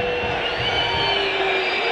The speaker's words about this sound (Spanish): ¿Para quién los silbidos? A ver. ¿Para los jugadores?